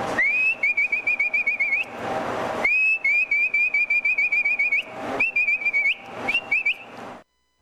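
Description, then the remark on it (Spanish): A loud human whistle for driving pack animals, used to drive horses to the corral: rapid warbling trills in four bursts separated by short breaths, shrill and steady in pitch, with no talking. “Ese era el otro silbido. Por ejemplo, el de bestias, uno picaba los atajos y empezaba.”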